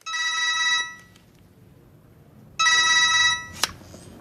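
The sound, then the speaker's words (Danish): A telephone rings twice in steady bursts, each harmonic trill lasting under a second with a pause between, fairly loud, ending with a short sharp click. “Men så bliver så ringer han så op igen.”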